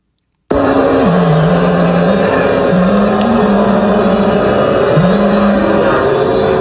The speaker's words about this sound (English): That's booing. That's thousands of people in Bryant Park booing.